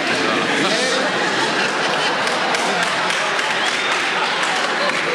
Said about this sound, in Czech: Ne, dokonce potlesk, ano.